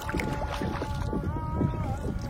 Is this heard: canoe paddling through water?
yes